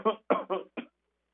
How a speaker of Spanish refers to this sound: Te voy a estornudar, voy a toser tantito. Me ausento.